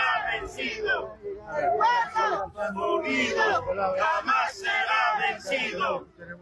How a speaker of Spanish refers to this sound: Es el pedido de distintos sectores sociales, organizaciones movilizados en este séptimo día de esta gran marcha por la vida que avanza desde la ciudad de El Alto con el grito de guerra característico de distintos sectores sociales.